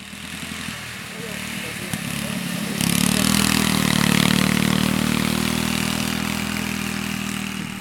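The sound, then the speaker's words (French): A ride-on lawn mower engine runs, idling with a steady hum before revving up sharply about three seconds in and holding a loud, rough drone, with faint voices underneath. “Bonjour, est-ce que vous avez essayé les tracteurs tondeuses ?”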